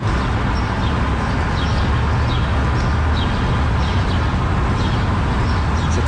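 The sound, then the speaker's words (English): A morning dawn chorus on Front Street in Toronto: scattered birdsong chirps faintly through a steady, loud roar of city traffic, the birds defending their territory, their small calls repeating at irregular intervals over the constant low rumble. “I bring you the Dawn Chorus”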